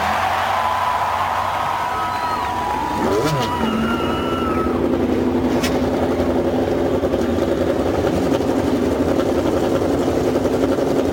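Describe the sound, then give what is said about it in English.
A field of 33 race car engines fires up and roars together at the Indianapolis Motor Speedway before the 86th Indianapolis 500-mile race, with sharp revs rising and falling over a steady, loud mechanical drone and a crowd murmur. “Lady and gentlemen, start your engines.”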